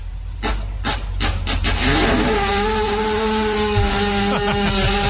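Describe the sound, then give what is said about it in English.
A horse lying on the ground while being given CPR lets out a long, loud fart: a few sharp rough bursts, then a steady buzzing, pitched drone over a low rumble that holds for several seconds with no talking. “Yeah, the horse is laying on the ground and it looks like they're giving it CPR.”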